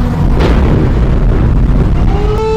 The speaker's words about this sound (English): It's soon followed by the sounds of explosions. This was a massive Russian missile attack. In just 1 hour, over 40 ballistic missiles were fired.